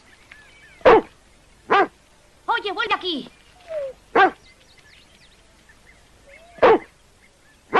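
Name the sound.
dog barking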